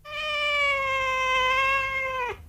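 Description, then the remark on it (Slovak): A person imitates a cat with one long, drawn-out meow, steady and fairly loud for about two seconds before cutting off with a brief downward slide. “Okrem psej rečí som si obľúbil aj kocúrčinu. Hovorím asi takto.”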